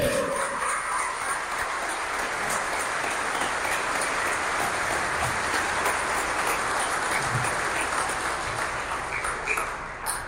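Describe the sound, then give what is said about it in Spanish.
A large crowd at a church mass claps steadily and loudly for about ten seconds, a dense, even wash of many hands with no speech, sustaining the same intensity until it tapers slightly at the end. “Fuerte el aplauso.”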